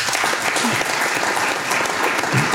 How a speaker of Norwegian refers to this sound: Ja, det helt fantastisk. Jeg har en liten applaus for den.